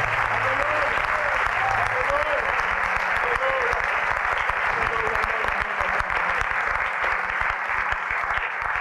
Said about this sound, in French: Give him a great hand clap of praise. Applaudissez-le, s'il vous plaît.